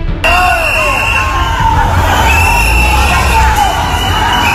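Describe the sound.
A large, loud crowd in Ceuta boos Spain's Interior Minister Fernando Grande Marlaska and shouts "cobarde" (coward) angrily, with individual raised voices yelling over a continuous roar of jeering that lasts throughout.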